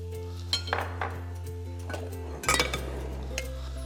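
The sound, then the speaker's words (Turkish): A utensil clinks against a bowl again and again as a mixture seasoned with salt, black pepper and red pepper flakes is whisked, with irregular metallic taps over a steady low background hum and no talking. “İyice çırpacağız.”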